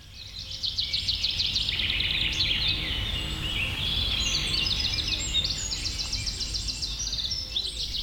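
A small bird sings a continuous, lively song of rapid high twittering chirps and trills, clear over a low steady rumble in the background, with no one talking.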